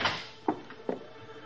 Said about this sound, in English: I waited off the stairway landing and watched the elevator door open.